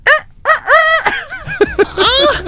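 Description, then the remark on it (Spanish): A person imitates a rooster crowing with a series of strained, squawky vocal bursts, rising and breaking, loud, with no other talking. “Ese gallo mío está como al borde del...”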